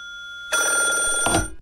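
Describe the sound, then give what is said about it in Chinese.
A telephone bell rings loudly for about a second in one sustained burst, then cuts off abruptly with a low thump near the end. It is a call to a dormitory from the duty staff officer of General Nakamura's office. Nobody speaks. “然而北泽经没有想到，他刚刚回到宿舍便接到了中村雄办公室的值班参谋打来的电话。”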